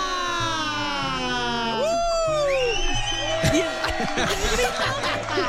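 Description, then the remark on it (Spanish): At Dilo Fuerte, Dilo Exa, a group of women let out a loud, rising collective yell, high-pitched voices whooping and shrieking together, dissolving into scattered laughter and cheers over a steady low hum. “Y el grito de las mujeres.”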